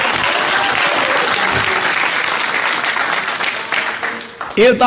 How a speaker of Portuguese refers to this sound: Dá uma salva de palmas para louvar a Jesus com força, com coragem.